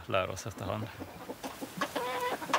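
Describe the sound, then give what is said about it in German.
Chickens kept by a self-sufficient family cluck in a quick series of short, throaty calls with brief pauses between them, a busy barnyard chatter with no other sounds standing out. “Als wir uns Schafe und Hühner zugelegt haben, hatten wir überhaupt keine Ahnung davon.”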